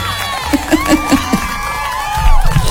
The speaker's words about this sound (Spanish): Así es que enhorabuena y nuevamente, pues, queremos rendirle honor a nuestra querida bandera porque se celebró su día el 26 de septiembre. ¡Aplausos, por favor! ¡Bravo!